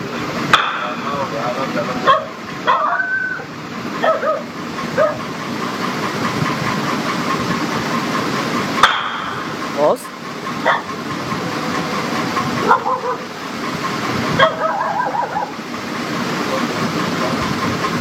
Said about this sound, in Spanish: Se escuchan los disparos de las dos personas, de las dos mujeres que fueron heridas de arma de fuego. Escuchemos, a ver.